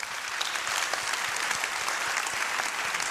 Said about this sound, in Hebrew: המוסד למודיעין ולתפקידים מיוחדים, הידוע בשמו המקוצר המוסד, מציין בימים אלה 75 שנות היווסדות, מה שנקרא 75 שנה להיווסדו, וכך צריך לפתוח במחיאות כפיים לכבודם.